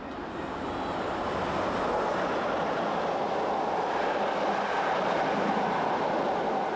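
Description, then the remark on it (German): A train rumbles steadily past at moderate speed through a track construction site, slowed to 60 km/h, a dense, continuous roar of wheels and carriages with no voices, holding a constant loudness throughout. “Solche Gleisbauarbeiten zwingen die auf dieser Strecke verkehrenden Züge zur Verlangsamung ihrer Geschwindigkeit.”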